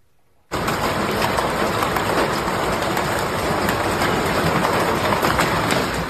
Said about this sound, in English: Goodness, do you hear that? Yeah, as we wrap up our around the world tour here in South America, this is where hail pummeled Paraguay's capital.